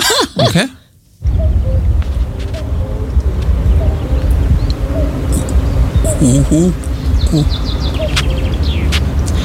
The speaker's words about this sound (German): also das ist ein Kuckuck